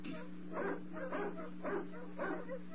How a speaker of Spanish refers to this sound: En el extremo del enorme jardín donde se encuentran el diminuto y diabólico Dr. Kiro y su ayudante, el gigantón Jato, han oído también los ladridos distantes.